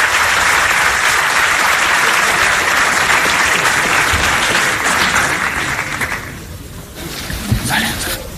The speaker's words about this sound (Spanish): Y ahora sale Florentino Pérez aplaudiendo al auditorio en este Hotel de Madrid.